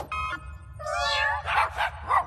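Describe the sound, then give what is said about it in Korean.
A cat meows, first a brief mew and then a longer, drawn-out wavering meow, followed by three short, harsher clipped calls in quick succession. “울음 소리를 바꾸는 이름표야. 야옹 소리는 멍멍 소리로 바뀌어봐.”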